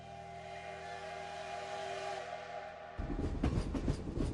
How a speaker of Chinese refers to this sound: 11:20，第一趟经停新民和沈阳的火车从新民站驶出了，一共上车60人，其中有38名便衣。